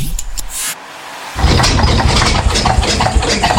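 A vacuum cleaner sputters and whines, cuts out briefly, then roars back with a loud, rough, uneven hum and rattling hiss, sounding strained and poorly working.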